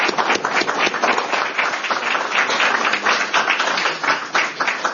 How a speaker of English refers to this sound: Well, thank you, Tim, and join me in a round of applause for Tim Gagel. Thank you all very much.